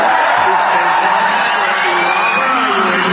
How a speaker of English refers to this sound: That's a pretty amazing crowd there.